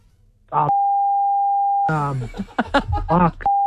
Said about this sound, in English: Remember, this is a family show. Oh, yeah. I can't. Can I say or nah? Say whatever you want. We've got the dumb. We'll beep it out if we have to.